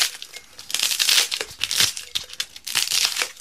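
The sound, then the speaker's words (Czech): During a timed challenge, broken polystyrene pieces being crammed into a glass jar, giving a dry, squeaky crunching and crinkling that comes in irregular bursts, fairly loud, with no one talking. “Já jenom upozorňuji, že všechen ten polystyren se má vejít do té lahve.”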